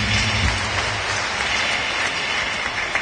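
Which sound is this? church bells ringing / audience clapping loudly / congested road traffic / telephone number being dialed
audience clapping loudly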